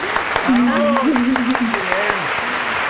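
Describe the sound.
Steady, dense audience applause with many overlapping claps and a few sharper hand-claps standing out, while a voice calls out over it throughout.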